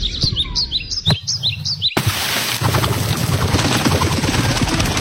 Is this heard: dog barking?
no